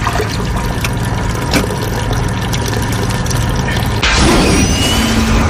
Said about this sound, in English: And the side of the plane blows out. That's and it's crazy. So loud.